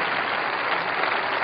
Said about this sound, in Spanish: Denle un aplauso a Jesucristo. Más fuerte, porque está Jesucristo en la puerta.